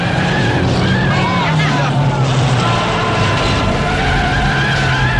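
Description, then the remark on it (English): Loud, continuous roar of several stock car engines racing on a snowy, icy track, with revving pitches rising and falling over a dense, steady rumble and occasional tire noise. “Tracy plows through a hay barrier and joins the busy stock car race.”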